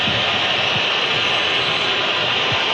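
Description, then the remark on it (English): Colombia football supporters in a stadium whistling en masse during a match against Uzbekistan while Uzbekistan has possession: a dense, shrill, unbroken wash of many whistles over a low crowd rumble, holding steady and loud throughout with no talking. “And you can hear the whistles from the Colombia supporters.”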